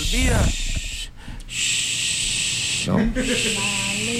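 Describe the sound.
A barn owl's harsh, hissing screech runs almost the whole time, loud and raspy, with two short breaks. Voices murmur underneath it.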